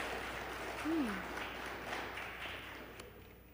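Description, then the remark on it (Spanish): A crowd applauds with steady, dense clapping that holds at an even, fairly soft level throughout, and a brief low voiced sound rises out of it near the start. “Se vale aplaudir, creo que sí se vale aplaudir.”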